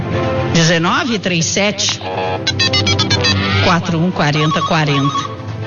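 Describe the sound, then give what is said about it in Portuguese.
A landline telephone rings with a rapid, trilling electric bell in short repeated bursts, loud, mixed in with voices sounding over and around it. “Abre o telefone”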